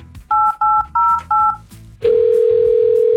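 Four quick, evenly spaced touch-tone beeps from a phone keypad as a radio show dials a caller, followed by a steady, loud telephone tone that hums on without a break. Faint background noise sits beneath.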